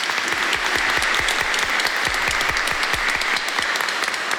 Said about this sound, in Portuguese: Uma salva de palmas ao Sagrado Coração de Jesus.